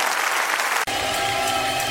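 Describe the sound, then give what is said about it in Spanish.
An audience applauds the Lord, loud, sustained applause, a dense wash of clapping that holds steady throughout with a brief dip near the middle and faint tonal sound underneath. “Dele fuerte el aplauso a Él.”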